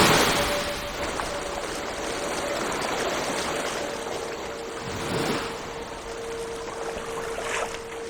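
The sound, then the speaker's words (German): A steady roar of rushing sea surf fills the whole stretch, with a couple of swelling surges like waves breaking. No voices are heard. “Klingt nach einer Brandung. Hier? Nach dem Meer. Jetzt höre ich auch den Wellengang.”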